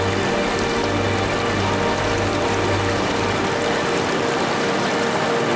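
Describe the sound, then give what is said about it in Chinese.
A steady, dense roar of rushing water fills the scene, like a powerful waterfall, constant and loud with no pauses or voices. It is the Lovers' Waterfall at 1,200 m altitude, full of water after a summer afternoon rainstorm; its Men's Waterfall has a large drop. “一阵暴雨过后，海拔1200米处的情侣瀑布水量丰盈。男儿瀑落差大，颇具阳刚之气。”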